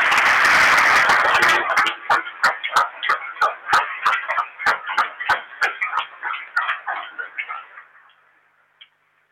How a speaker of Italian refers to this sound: Facciamo un applauso alle mamme.